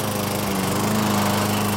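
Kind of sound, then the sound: machine, garden machine running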